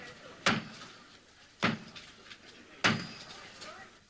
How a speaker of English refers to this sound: A rather more formal salute was made to the new Archbishop of Canterbury, Dr. Robert Runcie. His enthronement started with the traditional knock at the door of Canterbury Cathedral.